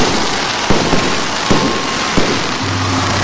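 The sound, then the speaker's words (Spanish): Fireworks lit for several minutes at an independence anniversary celebration in Veracruz burst outdoors. Several sharp cracks and pops come at irregular intervals over a dense, hissing crackle of smaller explosions, with a low rumble near the end. No one speaks. “Y por varios minutos se encendieron fuegos artificiales.”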